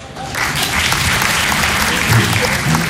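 A crowd breaks into steady applause, a dense wash of clapping that holds at a fairly loud, even level for a few seconds, with faint murmurs underneath.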